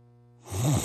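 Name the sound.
snoring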